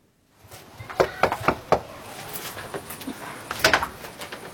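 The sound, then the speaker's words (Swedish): Four quick, evenly spaced knocks on a front door by Green Party (Miljöpartiet) election campaigners canvassing in Uppsala, Sweden, on a Monday evening, fairly loud, followed a couple of seconds later by another brief burst of knocking against faint background noise. “Ekot följde med när Kristdemokraterna och Miljöpartiet knackade dörr.”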